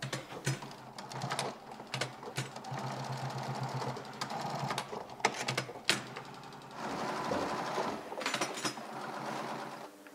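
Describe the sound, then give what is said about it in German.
A sewing machine stitches shoe upper leather, sewing on the toe cap piece and attaching the tongue, in short mechanical bursts, its rapid needle clatter starting and stopping with brief pauses between runs, fairly loud. “Sie steppt das Kappenteil auf. Und hängt die Lasche, die Zunge dran.”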